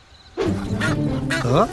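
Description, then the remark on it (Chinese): Loud, nasal goose honks sound in a quick run of overlapping calls, harsh and strongly harmonic, with a final call that rises in pitch at the end. “鹅也不错，”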